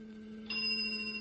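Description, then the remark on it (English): A small bell on a switched-on instrument rings once about halfway through, its bright high tone lingering and fading slowly over a steady low electrical hum. No one speaks. “A moment until the bell sound.”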